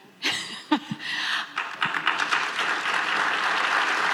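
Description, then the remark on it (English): A round of applause from delegates of Western provinces and states meeting in Edmonton, given to talk of Alberta staying in Canada during Premier Danielle Smith's talk. It begins with a few scattered claps, then swells into dense, steady clapping that continues loudly to the end. “Talk of Alberta staying in Canada, getting a round of applause during Premier Danielle Smith's talk about what the province can offer North America.”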